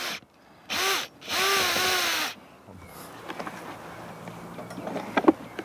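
Two loud bursts of a power drill whirring as two air holes are drilled into the lower end of a clay furnace weighing about 100 kilos at a fireplace, the motor pitch sliding as it bites in, followed by quieter scraping and clinking of work.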